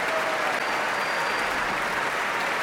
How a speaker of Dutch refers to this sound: En dit applaus is voor paukenist Paul Jussen.